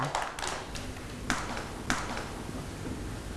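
Children in a classroom clap for a classmate after she tells the class her news: scattered, light hand claps, a quick uneven cluster at the start, then two sharper single claps with pauses between, fairly faint and with no talking.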